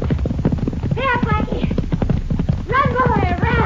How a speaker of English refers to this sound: That a horse race, senorita? Oh, isn't it?